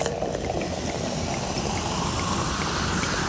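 Sparkling wine is poured generously into glasses at a sparkling wine tasting in the tasting room of a wine estate in Stellenbosch, South Africa, a steady fizz and splash of liquid that holds at an even level throughout without any voices.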